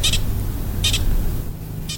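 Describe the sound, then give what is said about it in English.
A pika's alarm call in the morning: three short, high-pitched squeaky chirps, each a quick double note, spaced about a second apart over a steady low rumble of wind. “Hear that? That's a posture. Pika. That's an alarm call.”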